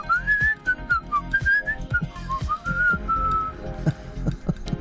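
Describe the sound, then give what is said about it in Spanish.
Someone whistles a lilting, warbling tune, imitating a canary's song with trills and wavering notes, while low, irregular thumps and rumble sit underneath. “Te silbaba lindo el oído.”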